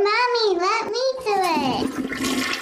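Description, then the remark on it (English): A young child speaks in a high, sing-song voice, then a loud toilet flush rushes in with gurgling water for the last second. “Explore the science beyond the flush.”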